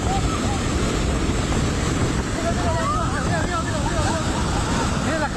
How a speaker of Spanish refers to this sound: En video compartido en redes sociales por la comunidad, registrado en el momento exacto en el que la estructura del puente cedió ante la furia del río. Se está llevando la bancada del puente.